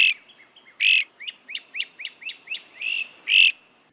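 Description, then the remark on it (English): A bird sings: loud, buzzy bursts bookend a quick, even series of about seven short chirps, with a faint steady high-pitched whine running underneath throughout. “It's one of the few species whose population has remained stable over the past 60 years.”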